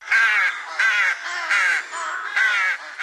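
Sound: rook cawing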